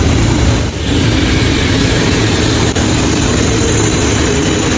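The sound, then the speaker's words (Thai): A train rumbles past on a bridge across the Mekong River, running on the track in the middle between the road lanes, a loud, steady roar of wheels and engine with deep low-end weight that holds evenly throughout, no voices. “นี่ไปเที่ยวแล้วมีรถไฟผ่านตรงกลางด้วยนะนี่ส่งภาพไปดูนะมีรถไฟขบวนเคลื่อนนะครับผ่านตรงกลางพอดีเลยนะฮะเดี๋ยวฟังเสียงก่อนมีเสียงไหมมีเสียงไหมอ่ะฟังเสียงฟังเสียงรถไฟกำลังเคลื่อนที่ฉึกฉักฉึกฉักมาละ”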